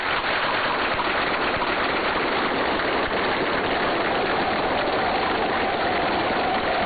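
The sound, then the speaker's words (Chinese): An audience including Xi Jinping and Kim Jong Un applauds the performers' show steadily, a dense, even wash of many hands clapping at once that holds at a fairly loud level throughout, with no voices heard. “习近平和金正恩对演员们的精彩表演频频鼓掌致意。”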